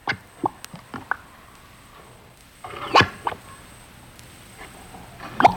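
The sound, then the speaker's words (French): Thick mud bubbling and popping, with scattered wet blips at an irregular pace and a denser gurgling burst midway, fairly quiet, with no voices. “C'est la boue qui fait des bulles.”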